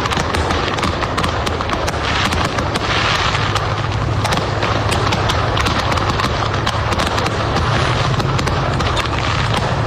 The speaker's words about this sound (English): A truck in Tennessee exploded with fireworks. This seems to happen almost every year now. And the visuals of this were tremendous. It was incredible, yeah. The truck was off the side of the road. That's fireworks. What a display.